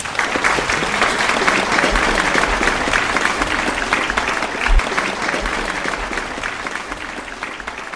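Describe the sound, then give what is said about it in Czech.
Sustained applause from a large audience, a dense steady patter of clapping that holds at an even, fairly loud level for the whole stretch, with no voices standing out. “a prosím o veliký potlesk.”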